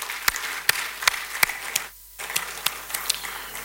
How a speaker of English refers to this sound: So today we are hosting Ekosi Iseng from the Kempinski Gold Coast Hotel. I think it's better for you to give all of us a round of applause, please.